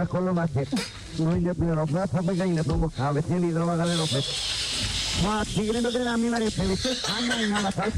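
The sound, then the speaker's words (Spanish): A man gargles while telling a joke in Japanese, his voiced phrases turned wet and bubbly, with a hissing, frothy rasp growing louder through the second half. “Ahora, escuchen porque está haciendo gárgaras en japonés mientras cuenta el chiste.”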